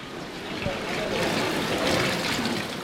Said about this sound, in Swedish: Jag går ut i simhallen